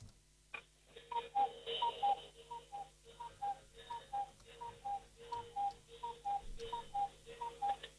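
A cuckoo clock, running about ten minutes fast, calls over and over in quick two-note pairs as its bird comes out, its chime tones ringing above steady ticking, all sounding thin and band-limited as if heard through a phone.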